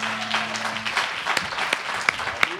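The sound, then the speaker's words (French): An audience applauds steadily as a local person is welcomed onto the stage, a dense wash of many hands clapping throughout, with a few sharper, louder claps standing out near the end and a faint low hum early on. “Je veux que vous l'applaudissiez bien fort, s'il vous plaît.”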